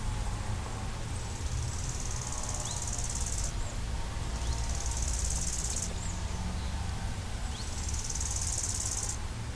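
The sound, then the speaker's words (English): A dense, steady drone of many bees buzzing, continuous throughout, with brighter hissing swells rising and fading every few seconds. No one speaks. “the cathedral of bees.”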